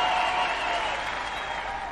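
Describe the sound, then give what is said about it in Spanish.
Steady, dense applause from an audience, a continuous crackle of many hands clapping at an even loudness that fades slightly toward the end, with no speech over it. “fuerte ese aplauso.”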